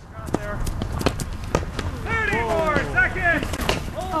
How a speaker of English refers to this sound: That's the sound of players running a drill practicing the traditional Irish sport of hurling. Players are armed with just a helmet and a wooden stick called a hurley.